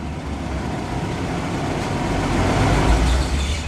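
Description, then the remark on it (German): A car engine rumbles steadily with broad road noise, swelling slightly louder toward the end as the car pulls up and stops on the parking deck of a large passenger ship. No one speaks. “Okay, der Wagen steht gut. Ziehen Sie die Handbremse fest an.”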